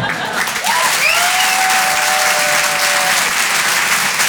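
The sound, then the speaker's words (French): A large audience at the Rire et Chanson Comedy Club claps loudly and steadily for a comedian's first appearance on Rire et Chanson, a dense wash of applause with a sharp whistle rising out of the crowd and holding for a couple of seconds. “Vous pouvez l'applaudir très fort pour son premier passage sur Rire et Chanson.”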